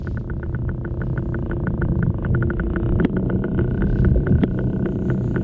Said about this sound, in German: Also, so klingt ein Oktopus, wenn er sich auf dem Meeresboden bewegt.